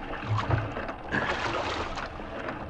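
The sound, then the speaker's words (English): Oars splash and pull through water as a boat is rowed, a steady, fairly loud wash of rippling water with a couple of low wooden knocks near the start. No one speaks. “Did you ever like to row”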